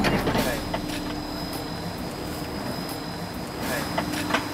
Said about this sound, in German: Ist das jetzt der erste LKW für heute? Zweite. Der zweite, okay. Der erste wurde auch hier abgeladen oder drüben? Hier. Hier. Okay, alles klar. Hier sind jetzt gerade die Tunnelsegmente angekommen.